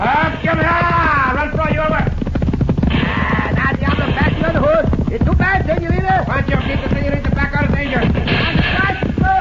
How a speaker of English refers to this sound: Go, Logo. You a fast horse, too.